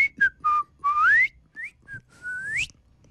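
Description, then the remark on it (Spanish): A person whistles an imitation of a great kiskadee call: a quick run of short, clear notes with rising slides, ending in a longer upward-swooping whistle. Fairly loud, no talking. “Dichoso fui. A alguien que le salga más finistío porque. Sí. Como más silbadito.”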